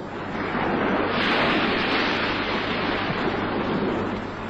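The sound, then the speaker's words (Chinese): Steady roar of sea waves with a loud surge swelling through the middle, a continuous wash of churning water and no voices. “面对着这波涛汹涌的大海”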